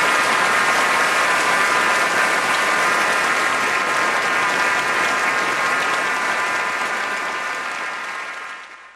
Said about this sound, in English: please join me in giving a warm round of applause for our brilliant engineers